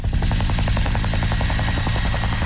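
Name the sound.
helicopter flying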